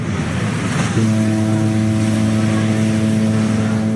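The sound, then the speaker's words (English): A truck carrying a shipping container drives toward a port in China, its engine rumbling steadily: a loud low hum joins a rushing road noise after a second and holds a constant pitch. No one speaks. “The toy's in a box, and the box is on a shipping container, which is on a truck heading to a Chinese port, probably Shenzhen or Shanghai.”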